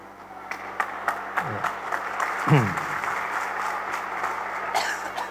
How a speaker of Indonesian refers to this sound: Mari kita tepuk tangan untuk anak-anak kita.